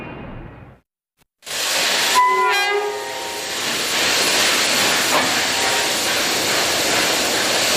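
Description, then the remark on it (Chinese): After a brief silence, a train horn sounds a short, loud blast over a dense, steady hiss and rumble of a train at a railway station near the China–Soviet border on a cold winter night, continuing noisy without speech. “一个寒冷的冬夜，在靠近中苏边境的火车站里，一小群人焦急地朝边境那边张望。”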